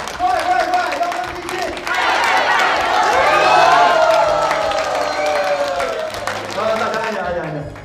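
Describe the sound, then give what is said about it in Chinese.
An audience claps steadily for about eight seconds while voices shout and cheer over the applause. The cheering rises in the middle and then eases slightly toward the end. “行吧，大家伙儿，大家鼓掌，腰杆基金，快快快， 腰杆基金，快快快。”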